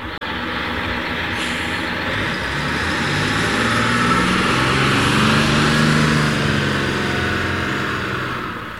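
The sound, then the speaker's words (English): A bus rumbles as it pulls up at a bus stop, with a deep, steady engine drone and a broad hiss of road noise, loud throughout and swelling slightly midway, with no voices. “As the boys passed the bus stop, an elderly woman got off the bus carrying two heavily laden grocery bags.”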